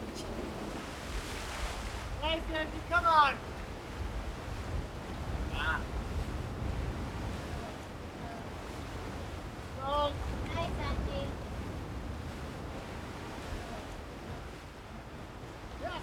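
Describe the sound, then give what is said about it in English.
Sea waves surge and crash against a rock wall below climbers in a steady, rumbling roar, with gusty wind across the microphone and brief bird-like calls and voices breaking through. “When you're on the wall with the sea crashing below you, it sounds like it's breathing.”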